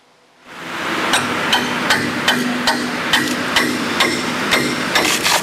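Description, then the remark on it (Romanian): Repeated metallic hammer strikes ring out at a steady pace, roughly eight blows over a constant bed of construction-site noise and machinery hum, at a site on Șoseaua Pandur in Bucharest where 500-millimetre district-heating pipes are being replaced, with no one speaking. “Pe șoseaua Pandur sunt înlocuite complet conducte cu diametrul de 500 de milimetri din rețeaua”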